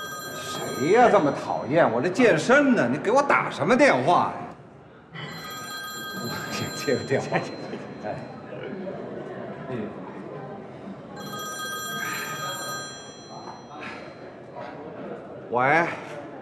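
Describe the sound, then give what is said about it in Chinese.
A telephone rings in repeated bursts, its bright trilling tones pulsing on and off over several seconds, while people talk and bustle underneath, interrupting someone during a workout. “谁呀？这么讨厌！我这健身呢，你给我打什么电话呀？我接个电话。”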